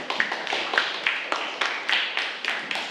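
A group of students claps for themselves together in a steady, fairly quick rhythm, each sharp clap landing roughly every third of a second for about three seconds, moderately loud.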